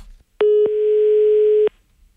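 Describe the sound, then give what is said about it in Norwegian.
A loud telephone dial tone hums steadily for just over a second, bracketed by sharp clicks at its start and end, with no voices, as someone calls a person back. “Oi, oi, her må vi ringe opp igjen.”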